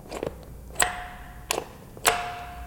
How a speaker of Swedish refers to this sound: Och när det gällde dottern Ann-Marie så bad han henne att ringa två korta signaler för att komma in. Funkar ringklockan fortfarande? Vi ska se.